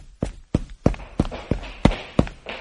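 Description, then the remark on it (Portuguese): Quick running footsteps of people running to a stadium thud along at a steady, brisk pace, about eight sharp impacts in under three seconds, clear with no voices. “Eles estacionaram o carro e correram até o estádio.”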